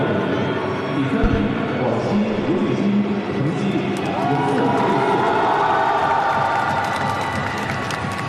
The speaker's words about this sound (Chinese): 我们刚才通过掌声来看到啊，这个家乡的观众也是为他是这个加油祝贺。